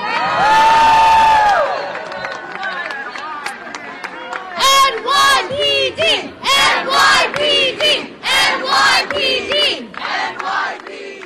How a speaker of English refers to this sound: That's as loud as it got. The people thanking the New York Police Department and applauding the NYPD officers that were present for the peaceful protest